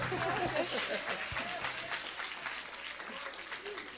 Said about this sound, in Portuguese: Aqui é minha esposa, vai louvar a Deus com hino, amém? Receba a serva de Deus com palmas para Jesus.